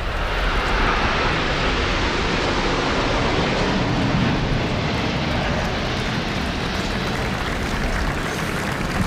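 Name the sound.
aerobatic jet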